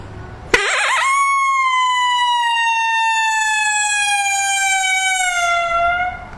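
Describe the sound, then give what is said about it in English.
A single long imitated lonesome coyote howl, loud, holds a steady, slightly sinking pitch for several seconds before gradually tapering away. No one speaks. “And I'll do a lonesome howl here and like a long howl.”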